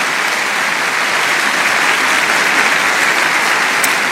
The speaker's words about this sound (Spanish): Dale un aplauso a Dios porque Dios es bueno.